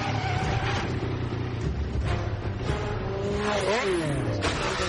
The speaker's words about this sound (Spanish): Esta es una escena de persecución en donde destrozan un montón de coches y ya está.